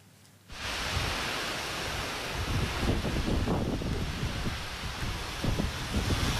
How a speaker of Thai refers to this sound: พายุฤดูร้อนนะครับพัดถล่มในพื้นที่อำเภอพิมายจังหวัดนครราชสีมาครับจากภาพจะเห็นว่าลมพัดแรงจนเข้าของภายในบ้านกระจัดกระจายได้รับความเสียหาย